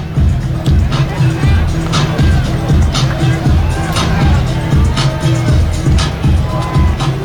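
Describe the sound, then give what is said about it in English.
Loud, steady stadium crowd noise from a big crowd at a Lehigh versus Dartmouth football game in the fourth quarter, on a warming day: a dense roar of many voices and chatter that never lets up, with sharp bursts and clatter scattered through the din. “Big crowd here today.”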